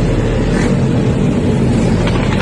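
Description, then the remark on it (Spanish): Loud, steady roar of motor traffic, with engines droning and rising as dozens of motorcycles ride the wrong way along the street in Punta Carretas at 1 a.m. on a Friday night; no one speaks. “Contramano, las motos contramano.”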